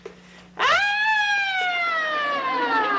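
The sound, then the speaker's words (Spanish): A voice imitates an ambulance siren with one long, loud, high-pitched wail that swoops up sharply, then slowly sinks over a couple of seconds, heard alone after a brief quiet hum. “¡Soy la sirena de la ambulancia!”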